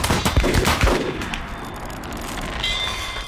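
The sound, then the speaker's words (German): A loud gunshot, fired into the clouds, cracks out and rolls into a rumbling echo that slowly fades, with a faint high ringing tone emerging near the end. “Anlegen. In die Wolken. Und Schuss.”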